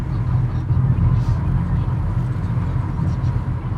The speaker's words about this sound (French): On suit la voiture de Cédric aussi qui nous emmène vers ce lac.